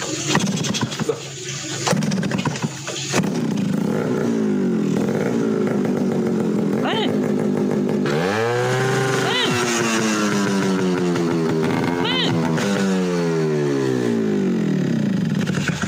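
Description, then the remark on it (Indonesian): A motorcycle with a loud, raspy aftermarket (brong) exhaust that is being tried out revs hard several times, its engine pitch climbing and falling in repeated throttle blips that fill the whole stretch. “Niki lho mbah, nembe jajal knalpot brong.”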